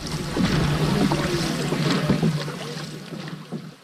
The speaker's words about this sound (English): I know. The five boats glide together. Paddles are pulled in. The women hold on to the gunwales of their sister boats.